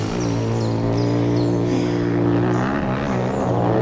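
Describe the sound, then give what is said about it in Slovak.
Motorcycles roar past in a loud, continuous engine drone, the buzzing tone wavering slightly and rising in pitch toward the end, with no voices over it. “To frasa, kde sa tu berú motorky.”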